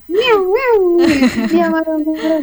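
An angry cat being bathed meows loudly: two short rising calls, then a long, drawn-out, complaining yowl that trails off, with another brief cry at the end.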